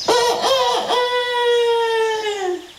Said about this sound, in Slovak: Predsa len je tu kohút. A priamo nado mnou má aj zlatý hrebienok. Ej, kohútik, zlatý hrebienok. Teba asi niečo trápi, keď tak smutne kikiríkaš.